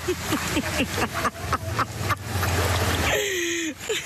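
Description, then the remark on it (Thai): Water sloshes and splashes in a steady rhythm as a boat is paddled along, with a low engine-like rumble underneath and a few faint voices mixed in. “ปี้ฝีพายเรือค่ะทุกคนค่ะ”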